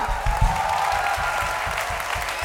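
An audience applauds steadily, a dense wash of clapping that holds at a fairly even, loud level throughout, with no one speaking over it.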